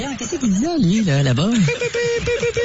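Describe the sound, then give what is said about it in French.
Wavering, swooping tones give way to a run of steady, evenly pitched radio beeps with short gaps, a Morse code SOS distress signal, heard through a noisy, crackly broadcast with voices underneath. “En 1908, c'est au 1er juillet que le signal SOS devient officiellement le signal international de détresse en code Morse.”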